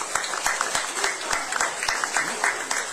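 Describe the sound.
An audience applauds steadily for a few seconds, dense overlapping claps with a few sharper hand smacks standing out, a loud continuous patter with faint voices mixed in.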